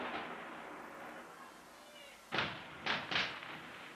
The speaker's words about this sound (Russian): Никогда не видел салюта под дождем. Смотрите, смотрите, как хорошо виден Кремль. О, колокольня Ивана Великого. Как будто вся светится изнутри. Прямо феерия какая-то. Жаль, что только 24 выстрела, а не 124.